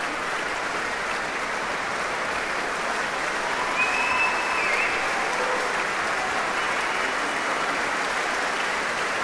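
A concert audience applauds a soloist, the orchestra and a conductor, a dense, even wash of clapping that holds at a constant loudness throughout, with a faint high whistle briefly rising above it midway.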